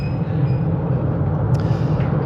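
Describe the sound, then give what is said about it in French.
A noisy train starting to roll, heard from an outdoor seat on the train: a loud, steady low rumble with a faint thin whine above it and a brief clank near the end. No voices. “Ah ouais, effectivement, c'est bruyant, eh.”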